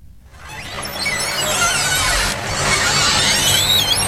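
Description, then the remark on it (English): The screen door of The Store, a one-story wooden country store in the small Bath County community of Preston, creaks open with a long, wavering high-pitched squeal lasting several seconds, over a steady hiss of background noise. No voices are heard. “For generations of older Americans, the sound of a screen door opening at a small-town country store can take them back in time.”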